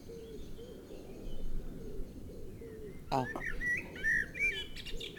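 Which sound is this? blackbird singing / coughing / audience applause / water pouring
blackbird singing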